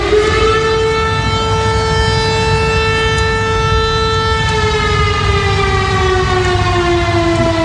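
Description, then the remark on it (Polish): A loud civil defense air raid siren wails steadily in Lublin, Poland, sounded as an alarm over a threat of air attack, its sustained tone slowly falling in pitch over several seconds, with no voices present. “W Lublinie zawyły syreny alarmowe.”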